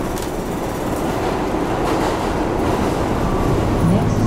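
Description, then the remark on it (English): Steady, loud rumble of a New York City subway train, the 1 train, riding along the tracks to Manhattan's Upper West Side, with dense low-end roar and faint rattling, heard from inside the car throughout. “Ich nehme die Subway an ein paar Stationen mit dem One Train in die Upper West Side.”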